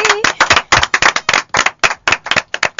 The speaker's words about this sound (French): On l'applaudit.